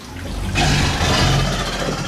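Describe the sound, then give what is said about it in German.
An alligator's deep, rumbling roar swells in abruptly after a brief quiet start and holds as one loud, rough, sustained bellow with a heavy low growl. No one speaks. “Und unsere Alligatoren, ich habe schon gesagt, können eben auch brüllen.”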